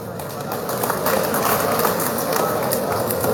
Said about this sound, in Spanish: Recibamos con fuerte aplauso a nuestra concejala de Villa Tunari, presidenta.